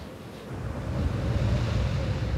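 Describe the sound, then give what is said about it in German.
The Bura, a cold downslope wind arising in Velebit, roars steadily as it whistles over land and sea, a dense rushing noise with a deep rumble underneath and a faint high whistle running through it, building slightly and holding without any voices; it can exceed 200 km/h. “Die Bura, ein kalter Fallwind, kommt plötzlich, pfeift über Land und Meer und erreicht Geschwindigkeiten von über 200 Kilometern pro Stunde.”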